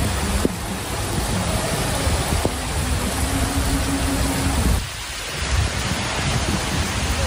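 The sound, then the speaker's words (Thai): A heavy downpour roars steadily, a dense continuous hiss of rain, with a low rumble of thunder swelling briefly near the end: a heavy thunderstorm lasting over an hour in Pattaya, Bang Lamung, Chonburi, Thailand, from around 1:26 a.m. to 2 a.m., flooding the roads. No voices. “นักข่าวเรารายงานว่าประมาณสักตีหนึ่งยี่สิบหกนาทีพื้นที่เมืองพัทยาบางละมุงชลบุรีเกิดฝนฟ้าคะนองอย่างหนักติดต่อกันนานกว่าหนึ่งชั่วโมงไปถึงตีสองน่ะกว่าหนึ่งชั่วโมงน้ำทะลักเข้าท่วมพื้นผิวถนนเพิ่มขึ้น”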